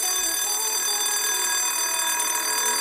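A school bell rings continuously at steady loudness, a bright metallic clatter filling the whole clip without pause, with no voices.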